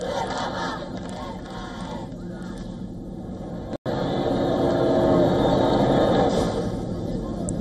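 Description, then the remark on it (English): A large outdoor crowd in the streets around Plaza Cibeles in Madrid, Spain, in heat above 30 degrees Celsius, cheers and shouts "Long live the Pope!" as the Pope arrives in his Popemobile; a dense wash of many voices, briefly cut by a split-second gap before swelling even louder. “People cheer as the Pope arrives in his Pope Mobile, waving flags, throwing flower petals and shouting, "Long live the Pope!"”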